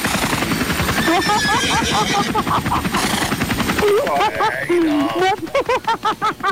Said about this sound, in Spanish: Aquí el caballo anda pilotando el helicóptero por todos los lugares. Seguramente el caballo va a andar arriba del helicóptero.